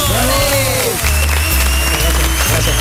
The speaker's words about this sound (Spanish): Os voy a tener que dejar por aquí porque tengo ahora que marcharme al camerino para hablar con los chicos, pero como siempre, os doy las gracias y os pido, por favor, un aplauso enorme